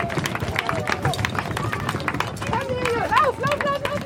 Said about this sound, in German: So klingen die ersten Schritte auf dem Brückenbelag. Denn Kindergartenkinder und eine Läufergruppe waren die ersten, die die Brücke unter die Füße bekamen.